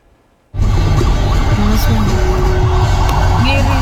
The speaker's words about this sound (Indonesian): Nah ini ada damkar gitu ya.